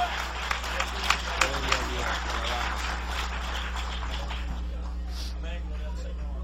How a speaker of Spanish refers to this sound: Dale ese aplauso al Cordero de Dios. Dale ese aplauso al Señor, iglesia.